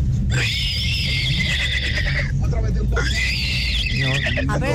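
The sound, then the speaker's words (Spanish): A caller to the radio station Tropicana, showing a hidden talent, imitates a horse's whinny with two long, high-pitched, wavering cries, the second breaking into a rapid shaky trill at the end, over a steady low hum. “Mi talento oculto es imitar al caballo.”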